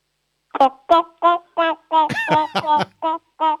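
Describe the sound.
A child's voice imitates a clucking chicken in a noise-imitation game, a string of about ten short, bright, nasal bursts, mostly evenly spaced with a quicker tumbling cluster in the middle, fairly loud.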